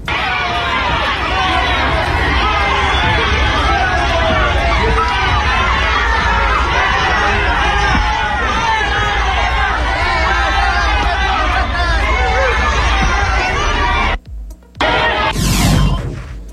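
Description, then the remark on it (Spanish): A large crowd in Chihuahua boos loudly and continuously at Andy and Ariadna Montiel, a dense wall of jeering voices that holds steady for about fourteen seconds before cutting off abruptly. “¿Ya viste por qué no quiere ir al partido inaugural? Por los abucheos.”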